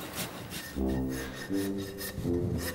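A rasp scrapes repeatedly across the hoof of an animal named Mowgli during routine foot care, filing and shaping it, giving rough, rhythmic strokes with a low droning hum under several of them. No one speaks.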